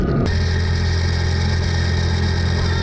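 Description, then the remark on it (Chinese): A motorcycle engine runs steadily, a loud, even drone with a constant throbbing hum and no voices, after a brief rough burst at the very start, as a man rides off in a hurry to look for several cattle missing from the pen. “顿珠才旦发现牛圈里的几头牛不见了，匆忙骑上摩托车去找。”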